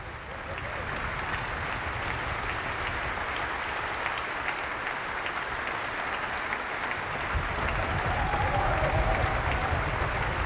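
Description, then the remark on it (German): Sustained applause from a large audience at an opening concert of Romantic works by Felix Mendelssohn-Bartholdy and Carl Maria von Weber, for soloist Ernst Schlader and the accompanying ensemble, a dense steady wash of clapping that swells slightly louder toward the end, with a faint tone briefly rising above it. “Und Sie hören es noch einmal, steht Ernst Schlader, der Solist, im Mittelpunkt des Applauses, des Beifalls.”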